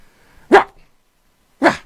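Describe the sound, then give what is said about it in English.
A person imitates a Shih Tzu's yappy bark: two short, sharp yips about a second apart, fairly loud, with silence between them and no talking. “That's a little Shih Tzu bark.”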